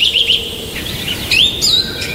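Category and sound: bird, birdsong chirping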